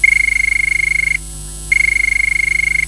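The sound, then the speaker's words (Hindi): A telephone rings twice, each ring a loud, rapidly trilling electronic tone lasting about a second, with a brief pause between them. No one speaks. It is the first caller's call coming in to a radio phone-in programme. “तो मुझे सुनाई दे रही है फ़ोन की घंटी और देखते हैं कि कौन है हमारी पहली कॉलर।”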